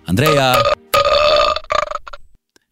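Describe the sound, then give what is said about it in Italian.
A rapid burst of loud, croaking burp sounds from a hand-held plastic toy, several blasts tumbling together with wavering pitch, then a few short sputtering bursts before quick silence. “Ci salutiamo su una tempesta di rutti creati con il mio cazzillo di plastica che tengo sempre in mano.”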